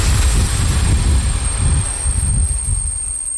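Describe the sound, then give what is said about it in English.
A small diesel train runs on rails to the town of Mikulov on the Czech-Austrian border in southeast Czechia, its loud, steady engine rumble pulsing low throughout, with a faint high whine above and no voices. “A small diesel train brought me to the town of Mikulov on the Czech-Austrian border in the southeast of the country.”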